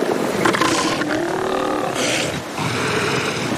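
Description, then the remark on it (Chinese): A male elephant seal lets out a loud, rough, guttural roar that rumbles on for several seconds with only a brief dip partway through. No one speaks. “雄性象海豹体重可达3吨，它们各自占有一小片海滩，以及任何进入这片海滩的雌性象海豹。”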